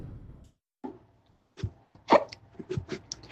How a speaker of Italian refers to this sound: Il singhiozzo!